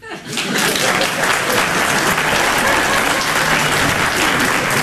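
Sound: audience applause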